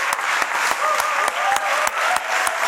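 Steady, sustained applause from a large audience at an award ceremony of the Karlovy Vary film festival, dense clapping with a few sharper claps standing out and faint whistles or cheers mixed in.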